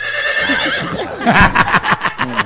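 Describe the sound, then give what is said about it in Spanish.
A horse whinnies in response to its name being called, a loud, wavering neigh that breaks into a series of rapid breathy pulses toward the end. “A ver, llámale, …, mi caballo. A Suzuki. Mi caballo se llama Suzuki.”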